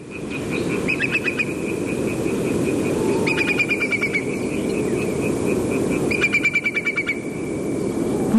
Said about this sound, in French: Oui, alors en fait c'est un courlis corlieux, mais c'est un cousin germain, mais c'est pas grave. C'est un oiseau qui est en train de passer au-dessus de chez moi en pleine nuit. En Bretagne. En Bretagne.